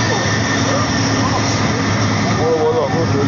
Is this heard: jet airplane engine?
yes